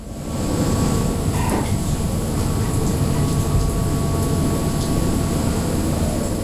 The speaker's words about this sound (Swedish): Regnet slår mot däcket på det nederländska fartyget Pelagia